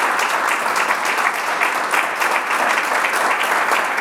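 A crowd applauds steadily, a dense crackle of many hands clapping at a sustained, fairly loud level for the whole stretch, with no voices standing out.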